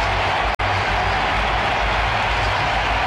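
The Atlanta crowd cheers in a steady, loud, continuous roar of many voices during the third quarter of a Falcons-Panthers football game, not because of the defensive stop, broken only by a split-second gap near the start. No one speaks over it.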